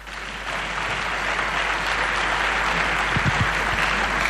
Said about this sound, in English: Thank you. You can clap.